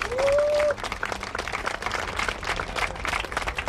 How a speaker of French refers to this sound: Un applaudissement pour elle.